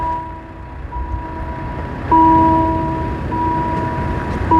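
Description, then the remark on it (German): A level crossing's electronic warning tone, played by a loudspeaker instead of a bell, sounds as a steady, sustained electronic hum with several pitched layers. It grows louder about halfway through, over a low rumbling background. “Ja, jetzt ist es einfach nur noch ein Lautsprecher, der einen Ton abspielt.”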